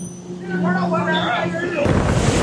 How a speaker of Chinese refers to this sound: 七月，辽东湾，渔民启动渔船，点着祈福的鞭炮，震耳的声响显得码头更加热闹。